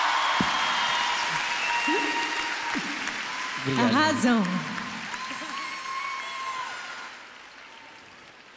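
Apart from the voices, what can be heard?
audience applause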